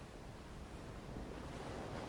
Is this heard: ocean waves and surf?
yes